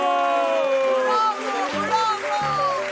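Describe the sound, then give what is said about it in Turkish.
A theatre audience cheers and whoops over a steady wash of clapping as the Heybeli Tiyatro show begins, many voices overlapping for the whole stretch, with the noise staying loud and dense throughout. “Alkışınız eksilmesin.”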